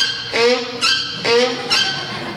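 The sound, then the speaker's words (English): A mule brays in a pasture, its loud, harsh hee-haw alternating between a low grating tone and a higher wheezing one, repeated twice in quick succession with no one speaking. “There was a mule braying in the pasture.”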